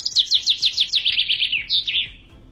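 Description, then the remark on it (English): A bird chirps rapidly and clearly, a quick run of high, sweeping tweets that slide downward, followed by a couple of slightly lower notes before fading out. “The birds were happy.”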